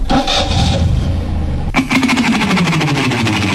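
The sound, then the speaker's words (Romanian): A heavy dump truck engine rumbles low, then after a sharp clunk it revs up with a rising, steady roar. No one speaks. “Să vedeți acum poantă cu un șofer de basculantă.”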